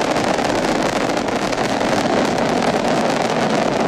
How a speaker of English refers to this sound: Go Falcon, go Dragon, and go Crew 13. Liftoff of Crew 13, carried by Dragon Grace to the International Space Station. Copy, 1 Alpha. FD2 pressures are nominal. All 9 Merlin engines on the first stage at maximum thrust of 1.7 million pounds.